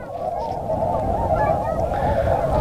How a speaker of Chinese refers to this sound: 那是这天鹅是真多啊。